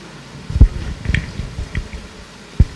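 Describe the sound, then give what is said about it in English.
Someone drinking water, with a few soft, wet gulps and swallows spaced irregularly, plus faint liquid squishes between them. No one speaks. “I'm taking water.”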